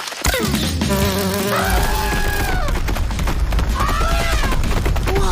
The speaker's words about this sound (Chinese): 啊，不，是蜜蜂，大蜜蜂。我想它一定是蜂后。 它的嗡嗡声把大象吓跑了。大象很怕蜜蜂。